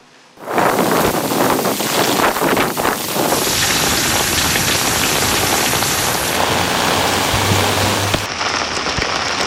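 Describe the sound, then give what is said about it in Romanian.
Heavy typhoon rain pours down steadily in Japan, a dense roaring wash with a rumbling undertone of wind, gusting at nearly 200 km/h, buffeting the microphone, loud throughout with no voices. “A adus rafale de vânt de aproape 200 de kilometri pe oră și o cantitate record de precipitații.”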